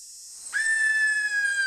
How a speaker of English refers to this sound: And what a cool nature noise! Can you be a greater sooty owl calling out in the dark forest?